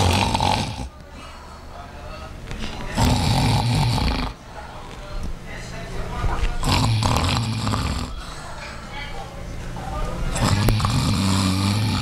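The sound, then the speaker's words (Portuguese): A woman who has fallen asleep with her eyes closed snores loudly, with four rough, rasping breaths repeating roughly every three to four seconds and no talking. “Você tá dormindo, vou desligar.”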